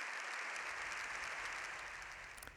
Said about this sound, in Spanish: León XIV ha salido del hemiciclo tras más de 7 minutos de aplausos y gritos de ¡viva el Papa! Es la ovación más larga que se recuerda.